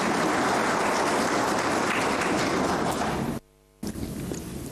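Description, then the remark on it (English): A crowd applauds a hardworking team steadily in a dense, loud wash of clapping, broken by a sudden half-second gap of silence before the clapping resumes at the same level. “Give a round of applause for this hardworking team.”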